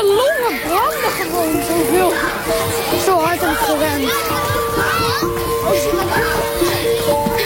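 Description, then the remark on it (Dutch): A lively crowd of children playing, their high voices shouting and calling over one another in a steady, bustling din that carries on throughout, with a faint splashing in the background. “Maar het geluid van spelende kinderen wordt steeds iets zachter.”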